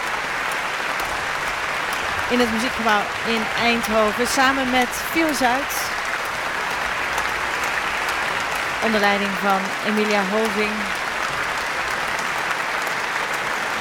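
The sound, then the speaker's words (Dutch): A large concert audience in Eindhoven claps steadily and continuously for a cellist after a live performance of Elgar's Cello Concerto. It is a dense, even wash of applause from start to finish, while a man speaks calmly over it in two short stretches. “Hij neemt het applaus in ontvangst.”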